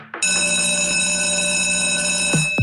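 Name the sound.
bell ringing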